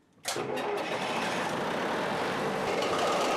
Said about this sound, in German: So, jetzt müssen wir natürlich noch die Seeventile aufmachen. Dann noch der Techniktest. Springt der Motor an?